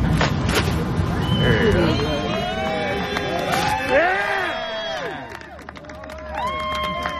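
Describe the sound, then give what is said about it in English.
A large crowd gathered in late May 2026 in Bertie County at the unveiling of a North Carolina highway historical marker murmurs, many overlapping voices chattering at once in a steady, fairly loud babble, with a few raised exclamations rising above the din. “In late May 2026 in Bertie County, a large crowd gathered at the unveiling of a North Carolina highway historical marker.”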